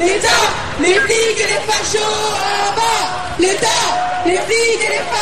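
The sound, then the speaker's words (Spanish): A large crowd of students on a march through the streets of Paris, France, shouting and chanting 'We don't want crumbs' together, loud and continuous, with overlapping yells and raised voices rising and falling in waves throughout. “Así sonaban ayer las calles de París durante la marcha estudiantil que continúa exigiendo más recursos para los liceos, más profesores y mejor infraestructura.”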